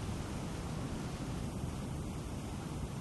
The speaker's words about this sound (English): I'm at the 9/11 Memorial at Ground Zero in Lower Manhattan. You can hear the water rushing into the voids where the towers once stood.